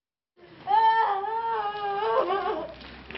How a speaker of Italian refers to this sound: Questa donna piange i suoi nipoti uccisi da un missile mentre giocavano nel cortile di casa. Siamo a Kramatorsk, nel Donbass.